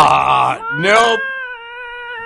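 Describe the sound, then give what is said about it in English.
A person imitates the meowing of two cats kept under a seat on a plane: two whiny, nasal bursts followed by a long, drawn-out meow that holds steady before fading, with no other talking. “But I know that the cats, there were two cats on this plane and they were under the seat where the feet go.”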